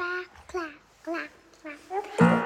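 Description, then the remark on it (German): A baby vocalizes in a string of short, high, harmonic coos and babbles with brief pauses, ending in a louder, brighter cry-like squeal, clear, at the start of a pop song. “Und da ist am Anfang einfach ein Baby zu hören.”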